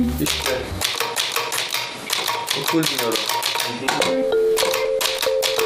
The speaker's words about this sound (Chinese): 这是我第一次打打字机。